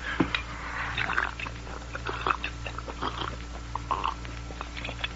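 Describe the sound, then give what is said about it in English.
Wet gulping and swallowing as someone drinks cool water from a canteen during a stop on horseback, a quick irregular series of mouth sounds over a low, steady background hum. “As soon as I wet my whistle myself.”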